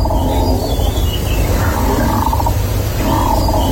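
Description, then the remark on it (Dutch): A wind turbine standing a few hundred metres from a farm in Tweede Exloërmond, Drenthe, drones steadily and loudly. It makes a constant low rumble with groaning, moaning tones that swell and fade, almost animal-like. No one speaks. “Het is een windmolen. Huh? Die op een paar honderd meter van de boerderij staat.”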